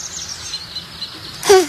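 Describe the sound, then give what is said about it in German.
A single short bird call bursts out suddenly near the end, loud, after a stretch of faint background hiss. No one speaks. “Was war denn das? Wenn der Vogel keinen Vogel hatte, dann weiß ich auch nicht.”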